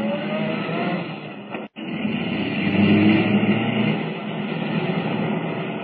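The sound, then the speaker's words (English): A car driven by Kent roars steadily and loudly in pursuit of a blue roadster, swelling slightly as it speeds along, with one brief cut-out early on. No voices are heard. “Can the car Kent is driving keep up with the blue roadster?”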